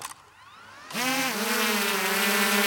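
A drone's motors spin up after a brief quiet start, the whine rising in pitch and then holding a loud, steady, harmonically rich buzz as it hovers, with no voices.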